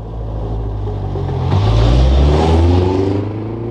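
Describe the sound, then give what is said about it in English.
A family's car engine idles low and steady, then revs up with a rising pitch as the car pulls away from the end of the lane to go to town, the rumble swelling loud before easing off slightly at the end. “Later that day, Town Mouse saw the family at the end of the lane getting into the car to go to town.”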